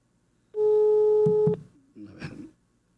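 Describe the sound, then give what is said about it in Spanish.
A steady electronic phone tone sounds for about a second, a single sustained beep from a handset as a person dials out on another line, followed by a brief murmur of voices. “Aquí le estoy marcando al maestro.”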